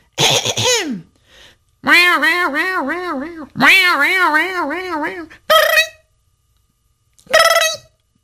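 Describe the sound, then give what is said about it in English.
A voice imitates a cat yowling as if singing on a fence: loud, warbling wails that waver up and down in pitch, a falling cry, two long quavering stretches, then two short yowls with pauses between. “"You see, my master didn't like when I'd sing on the fence like this."”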